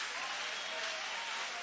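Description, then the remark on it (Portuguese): A church audience claps steadily in applause for Jesus, a dense, even wash of many hands that holds at a constant level throughout without breaks or clear individual claps. “Aplausos forte para Jesus.”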